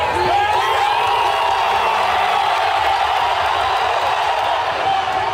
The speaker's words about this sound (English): And cheering has erupted in Manhattan as the New York Knicks made an extraordinary come-from-behind victory over the San Antonio Spurs.